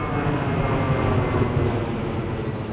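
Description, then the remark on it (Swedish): A steady, heavy roar of airplane engines, deep and rumbling with a broad hiss on top, holding at an even loudness throughout with no voices. “Trollet skickades iväg med flyg”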